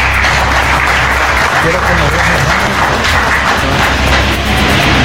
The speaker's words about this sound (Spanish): En este momento vamos a ceder las palabras de bienvenida de nuestro alcalde Walner Castro. Fuertes los aplausos.